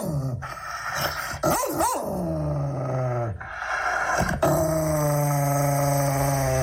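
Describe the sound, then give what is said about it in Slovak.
An angry dog snarls and growls in long, rumbling bursts broken by a few sharp barks, loud, with no one talking. “Takže to bolo nahnevané plemeno.”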